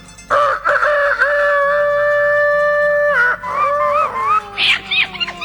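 A rooster crows loudly, one long sustained cock-a-doodle-doo held for several seconds before breaking into rougher, wavering notes at the end.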